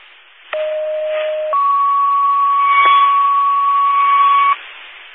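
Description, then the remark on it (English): Two steady electronic fire dispatch paging tones over a hissy radio channel, sent as a cancellation page for the Cottage Grove fire department after an alarm call was disregarded. A lower tone holds for about a second, then a higher tone sounds for roughly three seconds before cutting off. “Can you send out a cancellation page?”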